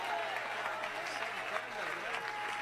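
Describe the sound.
An audience claps steadily and continuously, a dense wash of applause filling the room at moderate volume, with faint voices mixed into the crowd noise.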